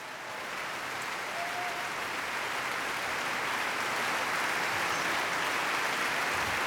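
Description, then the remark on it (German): Sustained applause from the whole orchestra for pianist Lukas Sternert as he returns to the stage and bows, many hands clapping in a dense, steady wash that swells slightly and stays loud throughout, with no voices standing out. “Er kommt noch einmal auf die Bühne, verneigt sich und auch das ganze Orchester klatscht für ihn.”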